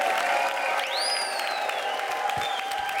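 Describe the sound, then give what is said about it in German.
Steady, dense applause from an audience at a pop-up concert in a bicycle shop fills the whole three seconds, and a long rising whistle cuts through the clapping near the start. “Bitte einen Riesenapplaus”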